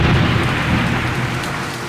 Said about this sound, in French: La pluie tombe tout à coup. Des trombes d'eau